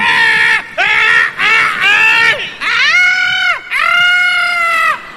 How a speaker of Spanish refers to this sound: ¿Y vos por qué gritás? Por solidaridad.